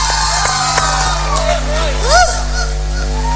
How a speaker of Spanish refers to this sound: Quiero que recibamos con un fuerte aplauso al señor guitarrista,